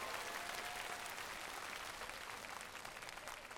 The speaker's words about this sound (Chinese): 来，掌声再一次给他们。